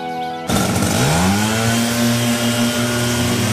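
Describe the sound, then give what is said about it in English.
The small gas engine of a leaf blower, burning a mixture of oil and gasoline, roars to life abruptly outdoors after a brief quieter moment and holds a loud, steady buzzing drone. “Except this is what the outdoors in many parts of the country sound like these days. Leaf blowers.”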